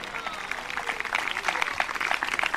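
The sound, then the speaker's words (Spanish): An audience breaks into steady applause, many hands clapping in a dense, crackling wash that holds at an even, moderate level throughout. “Dele fuerte ese aplauso, a su nombre sea la gloria.”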